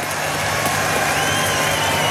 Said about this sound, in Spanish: Un aplauso para la señora, weón.